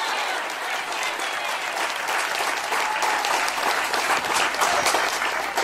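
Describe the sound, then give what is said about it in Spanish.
A large audience at a sermon breaks into loud, sustained applause for the Lamb of God, a dense wash of many hands clapping at once that holds steady for several seconds without pause. “Pero fuerte ese aplauso si es para él.”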